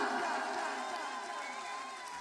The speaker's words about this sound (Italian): Facciamo un applauso alla nostra faraona, la dea della cassa dritta.